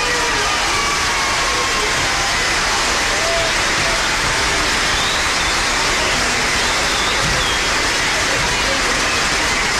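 Sustained applause from an audience, a dense, even wash of clapping that holds at a steady loudness for about ten seconds without fading.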